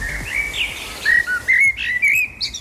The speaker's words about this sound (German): mein Lieblingsgeräusch ist, wenn man in der Früh aufwacht und ganz viel Vogelzwitschern hört.